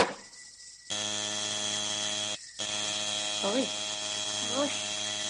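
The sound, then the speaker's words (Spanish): A harsh electric doorbell buzzer is held down in two long, steady blasts separated by a brief break, loud and droning, with a voice briefly rising over the second blast. “¿Quiere dejar de toquetear el timbre?”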